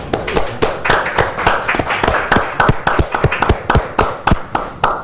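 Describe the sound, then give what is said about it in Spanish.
Applause from a small group for a painter from Tomé, a guest on the programme Semblanzas: a steady patter of sharp, irregular hand claps lasting several seconds at a fairly loud, even level, with no voices heard. “Un aplauso para el destacado pintor tomecino quien nos acompañó en esta edición.”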